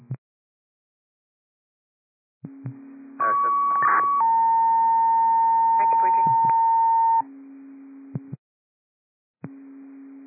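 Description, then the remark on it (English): Fire dispatch cancellation alert tones sent to Bayview fire over a radio channel for an automatic fire alarm on Josh Wilson Road: a short higher tone, then a long steady lower tone lasting a few seconds, framed by brief bursts of radio hum and clicks. “Bayview fire, these are cancellation tones for automatic fire alarm on Josh Wilson Road.”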